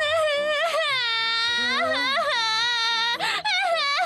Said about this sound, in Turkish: Ağlama canımın içi.